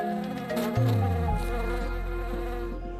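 Steady buzzing of honeybees around loquat blossoms blooming across the hills of a lake island in winter, one drone sliding up and down in pitch as a bee moves about, with more wings humming behind it; no voices.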